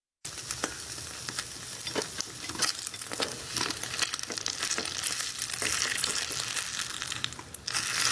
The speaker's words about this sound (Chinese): 我就覺得喺廚房噶啦，未必係煎蛋，我覺得係煎緊嘢咯。